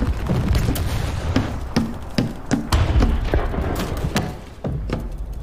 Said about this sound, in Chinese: 这是哪儿传来的枪炮声？ 是不是共军在攻打庄丁村啊？